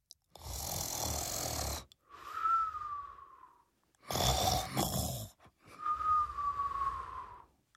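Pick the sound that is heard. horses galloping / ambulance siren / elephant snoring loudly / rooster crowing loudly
elephant snoring loudly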